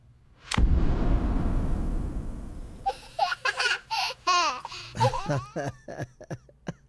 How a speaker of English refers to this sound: Sir, just pop the balloon. That's easy.